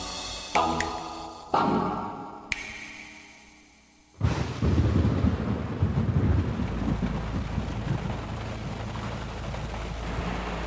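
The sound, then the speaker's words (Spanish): Several sharp, loud thunder cracks ring out and fade in the first seconds, then a sudden roar of torrential rain with deep rumbling fills the rest, dense and steady, with a car stuck with its tires in the mud. “La lluvia torrencial y las llantas en el fango.”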